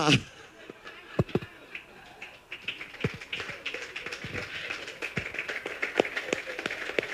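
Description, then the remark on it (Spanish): A round of applause, many hands clapping in a dense, steady patter with sharper individual claps standing out, over a murmur of background chatter. “hasta me aplaudí yo.”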